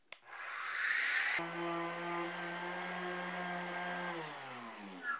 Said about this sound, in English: Now, of course, on a bigger project, you're going to want to bring in the power tools. I've got an orbital sander here loaded up with 60 grit sandpaper made for this specific tool, and this will take it off super quick.